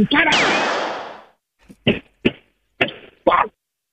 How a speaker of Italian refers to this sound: Guardi, facciamo in questa maniera, provi a togliersi le scarpe e a batterle molto forte suola contro suola.